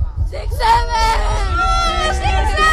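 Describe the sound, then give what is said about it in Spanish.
A group of children at a Radio Disney event at Colegio La Salle de Seglares shout together in one long, sustained, high-pitched cheer, many voices overlapping loudly for a couple of seconds without a break. “Chicos, vamos a echar un grito, adelante.”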